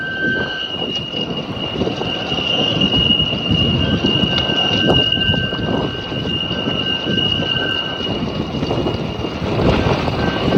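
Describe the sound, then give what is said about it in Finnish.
A steady, high whistling tone rings continuously over a loud, gusting roar of strong wind, like metal structure singing in the gale, with a faint squeal similar to braking train wheels. “Ei vaan kovalla tuulella niin se alkaa soimaan. Niin se vislailee.”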